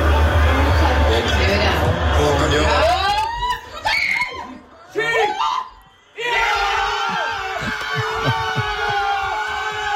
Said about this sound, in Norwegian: men du, slik hørtes det ut da i stua da Haaland skåret det seiersmålet.